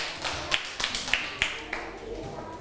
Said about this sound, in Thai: ปรบมือให้เพื่อนแล้วก็ปรบมือให้ตัวเองด้วยค่ะ